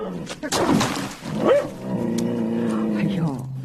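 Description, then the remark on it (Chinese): A big yellow-eyed dog barks and yelps a few times after bumping into a chamber pot, followed by a drawn-out whining, howling tone over steady background noise. “黄眼狗，尿桶里没有吃的啊？”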